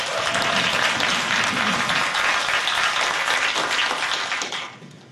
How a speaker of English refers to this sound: So please, a round of applause for Shonda.